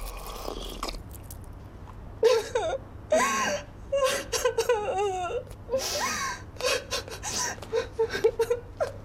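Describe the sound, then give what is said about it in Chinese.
A person sobs and whimpers in uneven bursts, with wavering, moaning voiced cries broken by sharp breaths and short pauses, moderately loud throughout with no clear speech. “这怎么还哭上了？”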